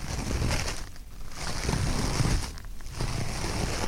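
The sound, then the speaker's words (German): Two sheets of toilet paper torn from a roll and rubbed between the hands to imitate footsteps in snow give a dense, crunchy rustle, steady and fairly loud, with two short pauses breaking it into a loose rhythm. “Für die Schritte im Schnee braucht ihr eine Rolle Klopapier.”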